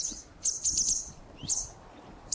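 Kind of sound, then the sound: bird, white wagtail call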